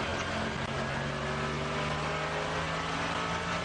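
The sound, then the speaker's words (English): A race car engine roars continuously, heard through the car's onboard audio, a dense mechanical drone with tonal engine harmonics at high revs as the driver changes gear, with no voices. “We can hear the onboard.”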